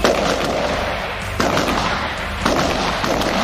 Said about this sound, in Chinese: 现在进行的就是手枪射击，然后通过变换两个姿势来进行一个手枪射击。